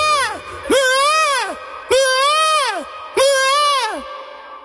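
A peacock calls loudly, giving three drawn-out, wailing cries that rise and fall, evenly spaced after a brief clipped call at the start, with no talking.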